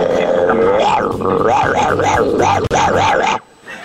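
Loud dogs growling and snarling in a rapid, rhythmic series of rising-and-falling rumbles that continue steadily for about three seconds, then cut off abruptly into quiet.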